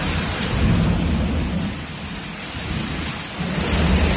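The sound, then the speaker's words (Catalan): Heavy rain pours down steadily in a dense hiss in Barcelona, while low thunder rumbles continuously underneath, swelling and fading across the few seconds with no voices present. “Sigui com sigui, la pluja va caure de manera molt, molt intensa, especialment en diversos punts de Barcelona, provocant incidències en el transport.”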